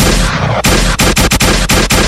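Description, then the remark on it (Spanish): Loud gunshot blasts ring out in a rapid, uneven series, harsh booming cracks crowding together with only brief breaks between them, and no voices over the noise. The shots are being tested as Christmas approaches. “Como ya viene Navidad, hoy estamos probando lo como dice que los plomazos.”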